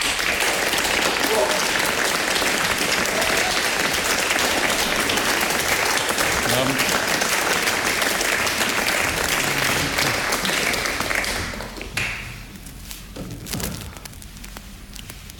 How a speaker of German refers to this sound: Begrüßen Sie bitte mit einem tosenden Applaus